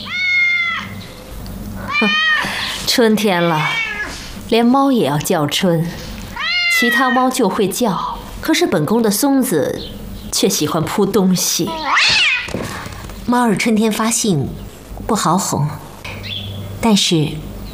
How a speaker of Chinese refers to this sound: 春天了，连猫也要叫春，其他猫就会叫，可是本宫的松子却喜欢扑东西。 猫儿春天发性不好哄，但是猫喜欢闻气味，闻久了便听话了。